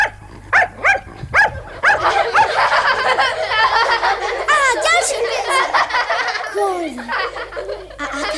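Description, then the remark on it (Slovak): A trained dog performing circus tricks for children barks in a quick run of sharp barks, then keeps up excited yelping and whining while laughter and lively voices fill the background. “Nič nezabudol, môj učený pes. Toc, poď, predvedieme deťom cirkus.”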